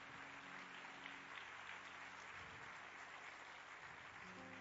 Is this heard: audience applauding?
yes